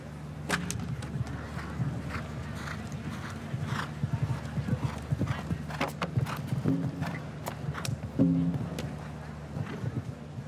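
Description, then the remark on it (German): Horse hooves thud and clatter across a show-jumping course in an irregular run of sharp impacts over a steady low hum, with a brief louder burst of noise near the end, as the unsure horse slips slightly and puts a hoof into the ditch, costing four faults. “Oh, Unsicherheit des Pferdes hier führte zum leichten Abrutschen und Einhufen im Graben.”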